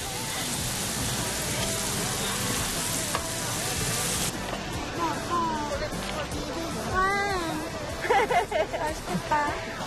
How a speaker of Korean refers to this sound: 저희 뭐 맥주랑 고기 구워 먹으려고 고기 가져왔고요. 닭갈비. 아, 닭갈비. 닭갈비 좀 가져왔고. 맞아. 이것저것 많이 가져왔습니다. 젓갈이랑 수박도 갖고. 지글지글 고기 굽는 고소한 냄새가 캠핑존 가득 퍼져나가고.